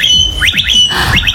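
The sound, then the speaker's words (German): A blackbird whistles a quick series of rising electronic-sounding sweeps, imitating an electric scooter's whine, in two short bursts of three or four notes each, fairly loud. “Aber die kann auch gut Sachen imitieren, die Amsel, ne? Yeah. Unter anderem den E-Roller.”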